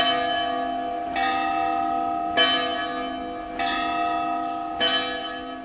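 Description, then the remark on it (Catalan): Church bells ring in a slow, steady sequence, with a new strike roughly every 1.2 seconds and rich overtones lingering between them, with no voices. “I de les campanes, que són tot un patrimoni que hem de conservar i que ni tan sol sabem que tenim.”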